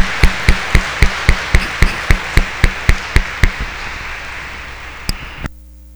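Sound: applause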